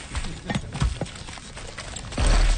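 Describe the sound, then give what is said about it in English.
Horses' hooves thud and clop in a loose, irregular rhythm on soft ground as riders warm up for mounted combat by high-fiving, getting the horses used to coming face-to-face, followed by a sudden loud, low rumbling rush near the end. “Right now what they're doing is warming up by high-fiving. That just gets the horses used to coming face-to-face with each other.”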